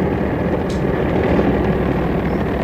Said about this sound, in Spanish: Calimán y el pequeño Solín observaban con detenimiento la avioneta en la que iniciarían su vuelo